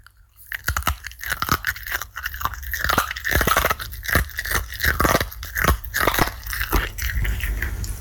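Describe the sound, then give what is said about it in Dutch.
A dog crunches and chews a crunchy treat, with a steady run of loud, crisp bites and grinding for several seconds. No one talks. “Onze hond Scotty, die een lekkere crunchy zit te eten.”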